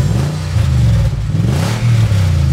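A car engine revs loudly, its pitch climbing and dipping in a couple of throaty surges, with no voices over it.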